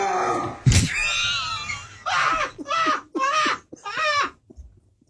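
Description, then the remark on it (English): A dog, Dino, whines, needing to go out to relieve himself, starting with a drawn-out high whimper, then four short rising-and-falling cries in quick succession. The whining is fairly loud and clear, with a brief knock near the start. “I think the dog needs to go out”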